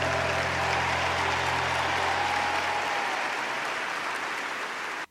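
A crowd applauds the king steadily and loudly for about five seconds, a dense wash of clapping with no voices, then it cuts off abruptly.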